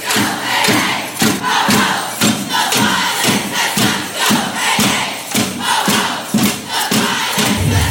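A large crowd at the Women's March in Toronto chants loudly in unison, shouting a short phrase over and over in a steady, driving rhythm, with the massed voices filling the whole stretch without pause.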